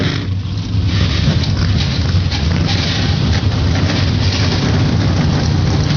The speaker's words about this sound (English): drivers, start your engines!